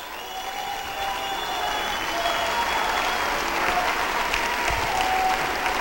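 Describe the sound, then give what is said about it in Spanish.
An audience applauds steadily for several seconds, a dense, continuous wash of clapping that holds a fairly even loudness throughout, with a faint sustained tone running underneath. “Si usted cree que esta es la voz de Dios, apláudale y grite.”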